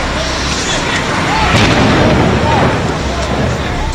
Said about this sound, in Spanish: Esta explosión cambió el mundo para siempre. Aviones secuestrados impactaron en las Torres Gemelas.